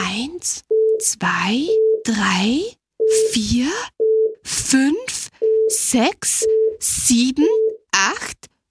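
An electronic device beeps ten times in short, steady tones, mixed with swooping electronic chirps and bursts of hissing noise, fairly loud.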